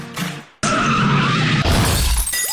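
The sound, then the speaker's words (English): A car skids briefly, then a loud crash of smashing metal and shattering glass bursts in and rumbles on for about two seconds, with no voices. “You didn't mean for the accident to happen, but now it has.”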